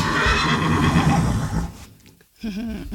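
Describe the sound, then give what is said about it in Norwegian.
A horse neighs loudly: a long, rough whinny that fades into a brief quiet, then a shorter quavering snort-whinny follows. Nobody speaks. “Med sin populære hest, ikke hest konkurranse.”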